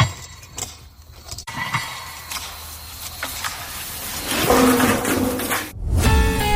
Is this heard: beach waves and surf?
no